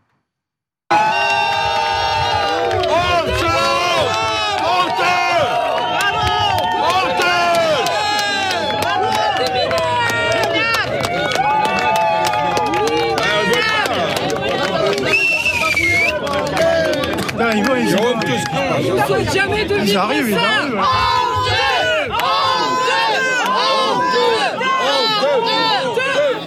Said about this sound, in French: parce qu'il a rencontré des sinistrés, mais pas tous, il n'est pas allé vraiment à leur rencontre, et ça, ils l'ont très mal vécu, ces sinistrés, qui l'ont accueilli à coups de sifflets et de huées.